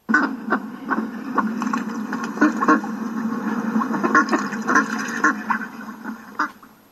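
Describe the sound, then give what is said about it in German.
A steady chorus of ducks quacking and chattering, with many short overlapping calls running without pause for several seconds and no voices. “Es war einmal eine Entenmutter. Sie lebte auf einem Bauernhof.”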